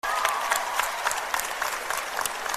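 An audience claps steadily, a dense, continuous patter of many hands with bright, crisp transients throughout, no voices standing out.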